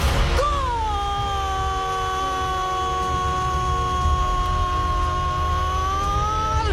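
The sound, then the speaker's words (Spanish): A crowd at the Monumental stadium in Argentina roars steadily in celebration of a goal by Argentina's national team captain, a dense continuous wall of noise, while one voice holds a long, loud, sustained shout over it for several seconds. “126 veces de grito sagrado, todo con el manto albiceleste y este festejo, festejo colectivo, festeja un país, pero festeja el fútbol.”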